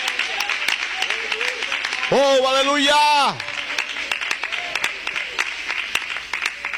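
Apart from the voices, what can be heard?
audience applauding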